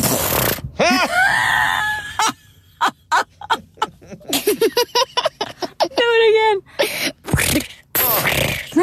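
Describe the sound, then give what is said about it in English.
A voice imitates how someone's very quiet farts sound, including on the toilet, with a run of short sputtering bursts and squeaky, pitch-bending toots, some rapid and choppy, some drawn out, with a few spoken words in between. “They're the quietest farts ever.”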